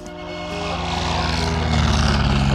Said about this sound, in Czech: Motor naskočil. Dřevěná vrtule letadla typu Blériot 11 se otáčí.